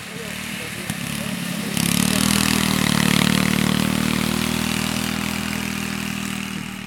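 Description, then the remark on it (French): A riding lawn mower (lawn tractor) engine runs with a steady, droning hum that swells louder after a couple of seconds, then holds a constant throttle. “Bonjour, est-ce que vous avez essayé les tracteurs tondeuses ?”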